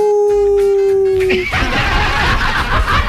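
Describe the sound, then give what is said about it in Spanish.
A person imitates a wolf's howl with one long, steady, slightly falling tone of about a second and a half, then it gives way to loud, noisy background commotion. “¿Cómo dice el lobo? ¡Au!”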